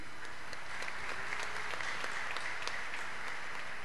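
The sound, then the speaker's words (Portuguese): An audience at a Sunday Mass applauds the fathers present on Father's Day, steady dense clapping from many hands filling the whole stretch with bright, crackling noise and no voices. “Vamos aplaudi-los.”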